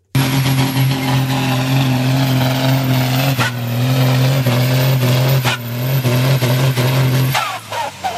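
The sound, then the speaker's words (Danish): A heavy tractor engine roars loudly and steadily during tractor pulling at Roskilde Dyrskue in Denmark, its deep drone holding throughout before abruptly dropping away near the end, with no talking. “Det her, det er så, det er så, ja, selvfølgelig lyden af en traktor, det er traktortræk.”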